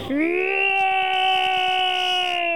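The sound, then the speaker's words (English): A person playing the dragon in a storytelling performance of Mother's Play lets out a long, loud roar imitating a dragon, a single sustained voiced cry that swoops up at the start and then holds a steady, fairly high pitch for over two seconds. “It's a mighty noise indeed, and I'm very scared.”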